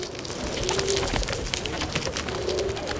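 pigeons cooing

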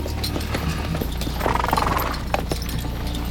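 horses walking

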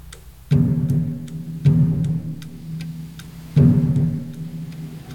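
station clock ticking

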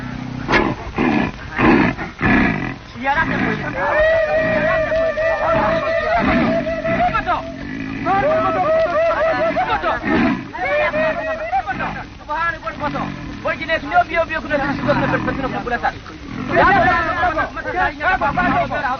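young lion roaring

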